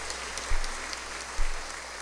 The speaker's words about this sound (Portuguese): Uma salva de palmas para as crianças.